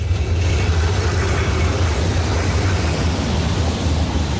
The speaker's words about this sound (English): At this junction in Prague, there are cars, vans, tourist buses I can see, clanking trams, competing for space.